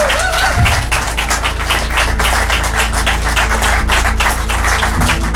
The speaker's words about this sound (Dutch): Onder begeleiding van een fantastisch applaus natuurlijk, Leuven.